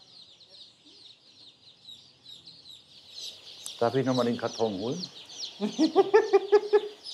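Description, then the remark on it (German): Constant high peeping of many chicks, brown chicks among them, fills the background, with hens clucking in an enclosure; a person's voice speaks twice over the chirping chorus. “Die braunen Küken sind immer Hennen.”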